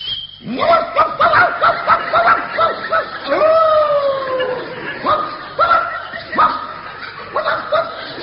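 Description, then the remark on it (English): A man's voice imitates a barking dog, letting out a series of loud, yapping barks and drawn-out howl-like yelps, with laughter rippling underneath. “You don't feel like a dog, for instance.”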